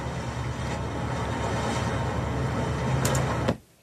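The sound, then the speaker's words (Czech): A ship sound effect track from a film's sound editing: a steady, loud low engine drone with a broad hissing wash over it, holding level for about three and a half seconds before cutting off abruptly. “Máme zvuk lodě.”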